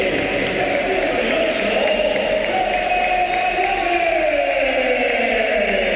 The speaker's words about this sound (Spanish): Aplausos para Valverde, olvidado lo de aquellos meses atrás con esa pitada a Valverde, esas pitadas.